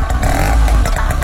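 A small motor engine revs and rumbles steadily at close range, with rattling and clatter like a scooter pulling away, continuous throughout with no talking.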